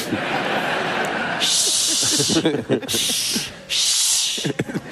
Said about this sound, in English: Now all I hear is shushing. This neighborhood sucks. First it was screaming, now it's shushing. That's even worse.